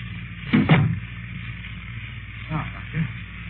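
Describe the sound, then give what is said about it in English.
A door swings shut with a sharp double thud, then two softer bumps follow a couple of seconds later against a steady low background hum. “Close the door.”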